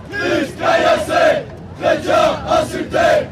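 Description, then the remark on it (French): About a hundred Catholic protesters close to fundamentalist movements chant in unison against a Romeo Castellucci play performed across the street, which they call Christianophobic: loud rhythmic bursts of massed voices rising and falling in repeated syllable groups with short pauses between phrases. “Depuis une semaine, ils sont une petite centaine de catholiques proches de mouvements intégristes à manifester ici.”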